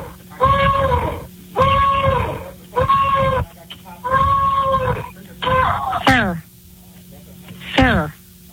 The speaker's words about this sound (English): No, why are the guys screaming? He's talking to him. Play all the screaming again.